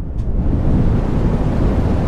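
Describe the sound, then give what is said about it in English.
Steady brown noise: a deep, continuous rumbling hiss weighted heavily toward the low end, holding an even loudness throughout with no voices. “This is brown noise.”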